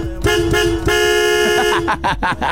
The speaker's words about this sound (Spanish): ¡Pítale! ¡Dale, dale con el claxon, mi buen producer!